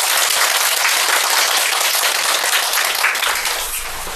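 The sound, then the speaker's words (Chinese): A burst of audience applause welcoming the team 云朵组 (Cloud group), dense and steady, with many hands clapping at once and no voices over it, tapering off slightly toward the end. “云朵组， 那就掌声有请云朵组。”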